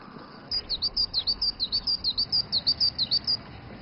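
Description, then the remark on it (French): A bird at the Yido water garden sings a rapid series of about twenty high, bright chirps in a steady rhythm, clear over a quiet low background hum, with no one speaking. “Et entendre le chant mélodieux des oiseaux de Yido l'a plongé quelque peu dans la nostalgie.”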